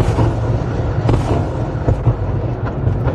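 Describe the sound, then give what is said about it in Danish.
Explosions from a Russian missile and drone bombardment of Kyiv, Ukraine, during the night: a loud, continuous low rumble with several sharper booming bursts rising out of it, no voices present. “Og hun blev holdt vågen det meste af natten af bombardementer og luftalarmer.”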